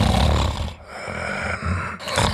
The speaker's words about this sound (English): Sound familiar? Don't ignore the snore. Snoring and constant tiredness could be a sign of sleep apnea.